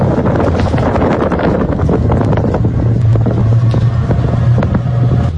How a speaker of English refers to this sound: By the grace of God, we found one taxi driver in all of Havana who agreed to take us to the airport. The only problem, it's a tricycle that only goes 10 miles per hour. All right, we got our taxi.